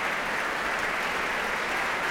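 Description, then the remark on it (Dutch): A concert audience applauds steadily after the Concertgebouw Orchestra's performance of Igor Stravinsky's Symphony in Three Movements, a dense, even wash of many hands clapping at constant loudness throughout, with no voices heard. “En applaus hier ook voor Ramon van Engelenhoven op piano.”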